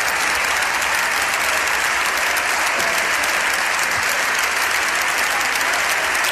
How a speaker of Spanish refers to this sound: Estos aplausos son los aplausos de los diputados del Partido Popular que apoyan a Ana Belén Vázquez, que la animan, que se indignan con esta decisión de Francina Armengol y que incluso llegan a ponerse de pie, ovacionando y vitoreando a la diputada